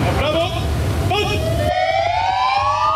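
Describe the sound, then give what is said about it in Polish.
Police car sirens wail loudly together, several rising and overlapping tones over a low rumble of engines, continuous throughout with no pauses, as police officers across Poland sound their patrol cars' sirens outside their police stations in tribute to a fallen police officer during his funeral. “Włączamy sygnały świetlne, dźwiękowe naszych radiowozów, stajemy w postawie zasadniczej i salutujemy, oddając cześć poległemu policjantowi.”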